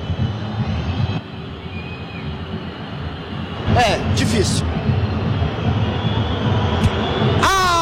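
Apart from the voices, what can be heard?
stadium crowd booing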